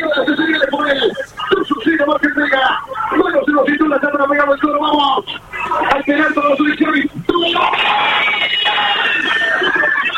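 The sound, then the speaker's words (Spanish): Argentina fans at the fan zone on Avenida Libertador and Sarmiento, watching the match on a big screen, cheer and shout as Lautaro Martínez scores a penalty for Argentina, muffled and tinny as relayed over a phone line, voices rising into a sustained roar that swells louder toward the end. “Y ahí se escuchaban los gritos de la gente en Avenida Libertador y Sarmiento, en la fan zone, donde están los hinchas del equipo argentino y el público en general, mirando el partido por pantalla”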